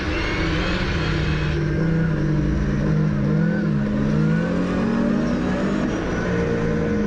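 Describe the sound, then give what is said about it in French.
A rally car engine on rally tyres drones loudly and steadily at high revs, its pitch wavering up and down as the throttle shifts, with a dense mechanical roar filling the whole stretch. “Après il te faut tirer le moteur, tu vois. Tirer le moteur.”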